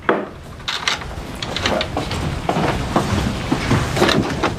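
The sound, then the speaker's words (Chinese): A door is pushed shut and locked, with a quick run of wooden knocks, rattles and sharp latch clicks over a few seconds. No one speaks. “媳妇儿，锁什么门啊？”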